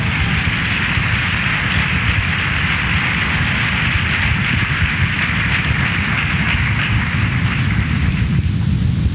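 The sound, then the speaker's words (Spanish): A church audience applauds for Christ Jesus in a loud, dense, steady wash of clapping that carries on for about nine seconds without a break, with no voices over it, thinning slightly right at the end. “Amén, aplausos a Cristo Jesús.”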